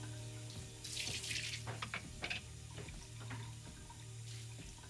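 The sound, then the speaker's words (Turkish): Water runs steadily from a tap into a sink, with a broad hiss and occasional splashes and clinks as dishes are rinsed, over a low steady hum. “Şimdi bulaşıkları yıkamak için sen varsın ha?”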